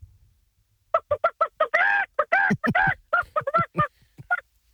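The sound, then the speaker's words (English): A man does a chicken call at the Nova State Fair, giving a rapid run of short clucks that builds into a couple of drawn-out squawks before more choppy clucking, loud with no other talk. “Have you ever called a chicken before?”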